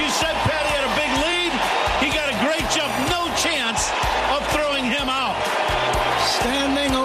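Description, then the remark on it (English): A big baseball crowd at Wrigley Field cheers and roars loudly and steadily for several seconds after Cubs player Pete Crow-Armstrong steals second base to reach 40-40, a dense wash of voices with scattered whoops and shouts rising above it. “Listen to this crowd.”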